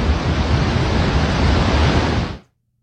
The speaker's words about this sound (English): It was an interesting sight to see when the water started rushing out of the spillway at Gardner Dam here on Lake Diefenbaker. Now, the water was actually a lot louder than I thought, and it's a sight that we haven't seen in 6 years.